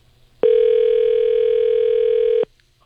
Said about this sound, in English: We've got all the finalists picked out a winner here, and we're making a phone call right now. Do we got them? There it is. It's ringing. Let's see if we can get a hold of our winner.